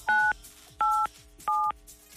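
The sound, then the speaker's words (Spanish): Three distinct phone keypad tones dialing 9, 8, 7, each a short steady dual-pitch beep about a quarter second long, evenly spaced with brief gaps, clear with no talking. “Apriétale a tu teléfono 987 y veremos qué artista te toca, ¿ok?”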